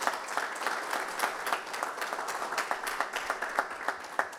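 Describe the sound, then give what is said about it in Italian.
A crowd applauds steadily in a greeting for Mattia, a young man of the group who is going through a difficult time, many hands clapping in a dense, continuous patter of sharp claps with irregular peaks, holding a moderate level throughout without any voices. “Siamo qua, ma siamo con lui E a facciamo un casa. applauso, Mattia.”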